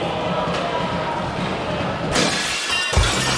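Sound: glass shattering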